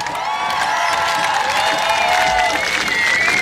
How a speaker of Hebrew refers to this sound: אגב, שמענו קודם קולות של מטוסים, טסים כאן נמוך. חיל האוויר. ניכר שחיל האוויר לא מעוניין לתת את האטנשן לחיל הים. גם הוא נתן את המופע שלו פה. היריבות התמידית. אפשר ללוות אותם הרבה במחיאות כפיים.